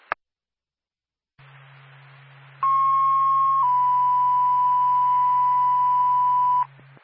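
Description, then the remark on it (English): A radio dispatch alert tone for the Lancaster Fire Department, sent for a fire alarm activation: a steady pitched tone that steps down to a second long sustained tone, loud and continuous for about four seconds over a low radio hum and static. “Stand by for tone.”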